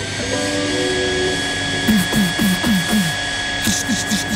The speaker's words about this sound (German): Da kommt die Mutter mit dem Staubsauger an die Tür.